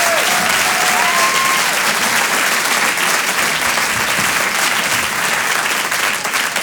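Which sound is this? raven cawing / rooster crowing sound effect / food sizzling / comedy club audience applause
comedy club audience applause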